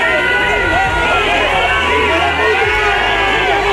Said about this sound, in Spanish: Este jueves le recibían con abucheos y con gritos de cobarde y traidor.